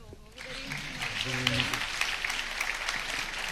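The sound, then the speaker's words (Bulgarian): A crowd at an awards ceremony applauds once more for a special guest, breaking into steady, dense applause that holds at an even level throughout, with a voice briefly audible beneath the clapping near the start. “Прекрасно, аплодисменти още веднъж за господин”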